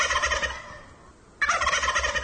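A turkey gobbling sound effect in two loud, rapid, warbling bursts separated by a brief pause, with no one talking over it.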